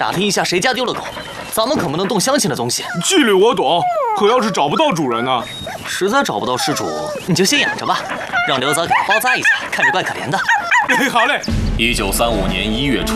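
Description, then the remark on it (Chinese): A rescued dog that needs bandaging whimpers and barks in loud bursts, its high whines rising and falling between short yips, filling the whole stretch with little pause. “你们看，我救了一条狗。”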